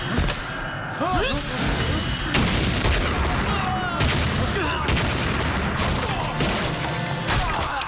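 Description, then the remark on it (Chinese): Loud explosions boom repeatedly over a dense, roaring rumble of chaos, with sharp blasts every second or two and voices shouting faintly underneath. “怎么回事？ 爆炸了！”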